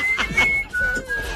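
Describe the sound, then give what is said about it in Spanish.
A person whistles two sustained, slightly wavering notes in quick succession, clear over a low background rumble, with no talking. “Chifleme pajarito, sílvame.”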